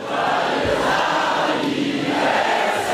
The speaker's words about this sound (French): Oui, Marine Le Pen arrive à la tribune sous les acclamations. Premier rendez-vous de sa campagne, le jour de l'anniversaire de Jordan Bardella.